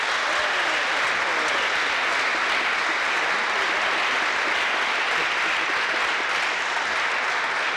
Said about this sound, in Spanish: Un aplauso, por favor.